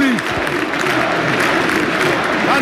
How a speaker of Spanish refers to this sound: Una copa pequeña conmemorativa la levanta Flick y el público. Escuchad cómo rompen aplauso.